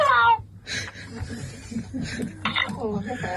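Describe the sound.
A parrot that was taught to talk lets out a loud, shrill squawk that slides downward in pitch, followed by a stretch of raspy, speech-like chattering at a steady, moderate level.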